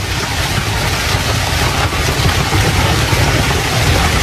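Large hail hammers down in a dense, unbroken roar, countless hard impacts merging into a loud, steady clatter over a deep rumble, with no voices.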